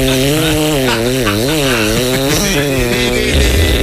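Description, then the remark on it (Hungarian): A loud, continuous motorized saw buzzes throughout, its engine whine wavering up and down in pitch as it revs, with no voices present. “mutatom a fűrész hangot, figyelj”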